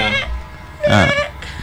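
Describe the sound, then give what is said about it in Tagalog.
A baby goat bleats: a brief bleat at the start, then a louder, quavering one in the middle, clear, trailing off into a faint third call. “Ano ni isang baby nga kanding?”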